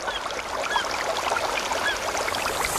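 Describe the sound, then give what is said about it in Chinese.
Steady outdoor forest ambience, a constant rushing wash like running water or wind through trees, with a few faint high bird chirps scattered through it. No voices. “森林，草原，大海。”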